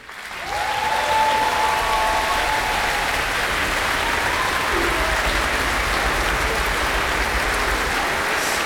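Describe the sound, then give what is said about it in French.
Sustained applause from a large audience in an auditorium at a Viva l'Orchestra concert, greeting the orchestra's musicians, steady and dense for several seconds, with faint whistles or cheers rising briefly early on. “notre doyen, qui peut aussi se faire applaudir ce soir au violon.”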